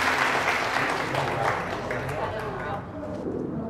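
An audience applauds steadily to welcome the East China sales director of the Jieke company, a dense crackle of many hands clapping at once, loud throughout and easing off slightly toward the end.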